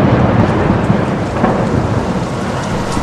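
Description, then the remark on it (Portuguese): Steady heavy rain pours down with a deep, continuous rumble of thunder rolling underneath, loud throughout, with no voices. “Adensadas, as nuvens de gás leve tornaram-se tenebrosa tempestade, e o lago esqueceu a calmaria, encrespando-se, açoitado pelo vento.”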